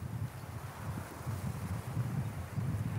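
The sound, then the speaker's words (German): Steady, gusty, freshening wind buffets the microphone outdoors over the sea with waves, a continuous low rumble with fluctuating surges and faint rustling, during a drone rescue test; no one speaks. “Trotz auffrischendem Wind und Wellengang.”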